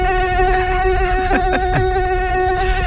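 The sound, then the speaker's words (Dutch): A loud, steady, high-pitched mosquito whine drones continuously, exaggerated, with a few brief clicks partway through and no voices. “Het is wel een hele grote mug.”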